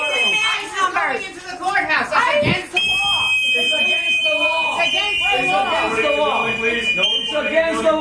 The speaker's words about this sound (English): The audio we're about to play you does have some whistling noises.